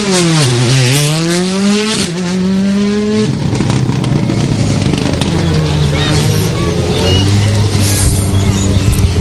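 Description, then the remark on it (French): Rally car number 7, crewed by Guillaume Gondin and Zoé Clavier, roars past at speed on a climb, its loud engine note swooping in pitch, snapping through a couple of quick gear changes, then settling into a steady, rasping drone. “Allez, passage ici à ma hauteur de l'équipage numéro 7 avec Guillaume Gondin, Zoé Clavier”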